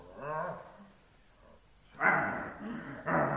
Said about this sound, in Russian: Уберите собаку, а то я за нее боюсь. За нее не бойся, за себя бойся. На место, Пальма. На место, говорю тебе.